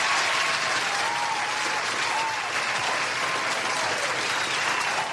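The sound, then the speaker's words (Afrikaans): Steady, sustained applause from a sizable crowd, a dense wash of clapping that stays loud and even throughout with no voices standing out. “En Nikkie, ek wil vir Nikkie daarom 'n applous gee vir sy”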